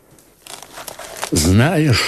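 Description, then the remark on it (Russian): Dry, brittle old decayed parchment, taken from under a pillow and bearing the will of Cardinal Cesare Spada, crinkles and rustles in a short burst of irregular crackles as it is unfolded, then a person's voice begins speaking over the end. “Достань из-под подушки бумагу.”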